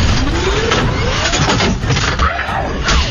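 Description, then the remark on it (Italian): A small scooter engine sputters and strains, loud and uneven, its pitch rising and sagging with brief stumbles as it struggles to keep running before dying. “No, motorino, no! Non mi lasciare!”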